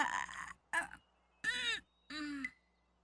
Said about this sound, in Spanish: Puedes contar con que Pip hará lo mismo todas las mañanas. Primero, abre sus ojos. Luego, bosteza.